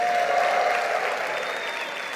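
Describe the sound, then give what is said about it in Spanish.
Loud, dense applause from a large church audience, with faint cheers and whistles rising above the steady clapping, given to the servant of the Lord with shouts of joy. “Le podemos dar un aplauso al siervo del Señor, al ungido. Vamos, acompáñalo con un fuerte grito de júbilo.”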